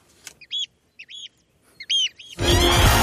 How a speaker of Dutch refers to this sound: genieten van dat vogelgeluid wat jij hier elke ochtend hoort. Nou, die kunnen we nog even mooi eronder zetten.